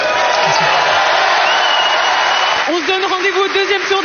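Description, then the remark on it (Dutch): A large crowd in a full stadium at Roland Garros applauds tennis player David Goffin after his first-round qualifying match, in a steady, dense roar of clapping and cheering; after a few seconds a man starts speaking over the continuing applause. “Voilà, een prachtig en welgemeend, heb ik de indruk, applaus voor David Goffin.”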